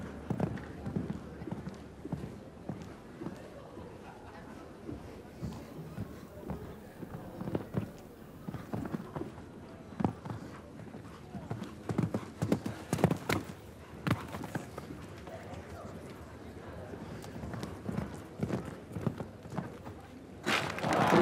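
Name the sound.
horse hooves clip-clopping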